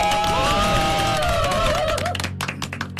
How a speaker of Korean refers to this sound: 또 배려해 주시고 사랑으로 앞으로의 그 모든 것들이 다 축복될 수 있는 교회가 되기 위해서 열심히 노력하시는 우리 목사님께 다시 한 번의 박수를 보내드립니다.